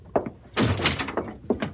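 A door opens and shuts: a quick latch rattle, then a burst of heavy wooden thuds and clatter, ending with a couple of sharp knocks. No one speaks.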